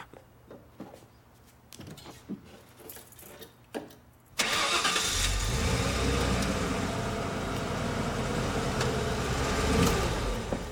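A pickup truck engine cranks briefly after a few clicks and quiet handling sounds, then roars to life and settles into a loud, steady rumbling idle that continues to the end.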